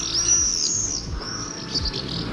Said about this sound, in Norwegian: Det jo tårnseiler, likt nok. Han stod i rekkeverk på verandaen da skvadronen kom, som han kaller det.